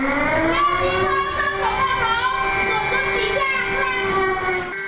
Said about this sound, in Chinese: 随着警报声的响起，孩子们迅速蹲下，紧紧抱住头部，钻到课桌下方。这是学校在模拟逃生通道堵塞后，师生该如何在地震中快速学会就近寻找安全位置，保护自身安全。